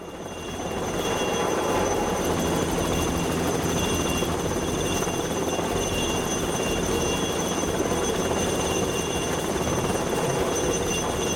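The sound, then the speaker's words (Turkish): A helicopter hovers low, about 5 metres above two construction workers struggling with a stuck concrete bucket in Hong Kong, its loud, steady rotor roar and turbine whine filling the scene continuously after a brief rise at the start, with no voices heard. “İki işçi sıkışan beton kovasıyla uğraşırken helikopterin güçlü hava akımı devreye giriyor.”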